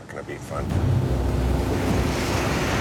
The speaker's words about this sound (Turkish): Gerçekten çok yoğun, şiddetli bir yağmur fırtınasıyla uyandım.